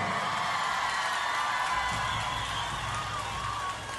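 A crowd applauds and cheers in a steady, dense wash of clapping and shouting that stays loud for the whole stretch, easing only slightly at the very end.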